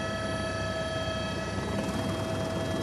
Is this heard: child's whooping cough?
no